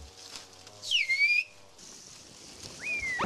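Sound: whistled language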